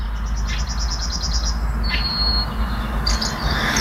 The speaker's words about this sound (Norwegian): Hør på denne fuglekvitteringen da.